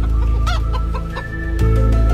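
A hen clucks several times in short, separate bursts over a steady low background hum, with no one talking.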